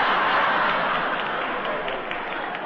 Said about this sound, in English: I like rain. Rain, rain, and more rain. When the skies are dark and there's thunder and lightning and it pours, I feel wonderful.